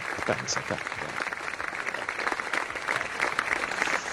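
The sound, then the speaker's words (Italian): Steady applause on RBN Radio Bianconera for Yves, the tennis commentator who called Sinner's first Wimbledon win, a dense, continuous patter of clapping that holds at a fairly even level for a few seconds without pausing. “Lo facciamo? Un bel applausetto a distanza, Yves, dai.”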